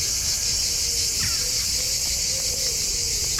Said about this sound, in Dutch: Zuid-Franse geluiden, ja, hier horen we de cicades, de zangcicades.